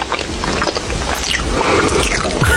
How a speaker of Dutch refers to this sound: Mike die zegt, dat krassen valt nog mee, maar smakgeluiden, bro, dat is gewoon echt dierlijk, zegt hij. Nou Mike, dan vind jij dit waarschijnlijk niks.